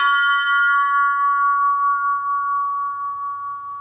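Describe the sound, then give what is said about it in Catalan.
A single bell of variable-thickness design is struck low once and rings out with a bright, chord-like cluster of tones forming a perfect triad, sustaining clearly and fading slowly over several seconds with no voices. “El cop inferior de gruix variable que dona una tríada perfecta.”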